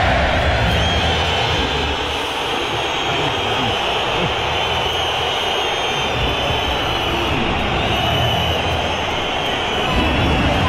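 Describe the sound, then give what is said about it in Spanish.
A stadium crowd of Atlético de Madrid fans boos and whistles at Julián Álvarez as the stadium announcer introduces him, in a loud, unbroken roar that holds steady for about ten seconds, with shrill whistles cutting through the dense wash of jeering voices. “Aquí está el abucheo de la afición del colchonero a Julián Álvarez.”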